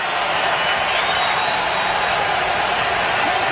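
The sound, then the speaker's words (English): A football stadium crowd, on its feet after a stop at the New England 39-yard line, cheers in a loud, steady roar, a dense wash of voices with no clear breaks or individual shouts, sustained evenly throughout. “Crowd on its feet.”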